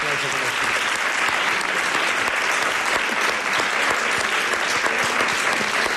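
An audience claps steadily for several seconds, a dense, continuous wash of many hands with a bright, crackling texture that stays loud and even throughout.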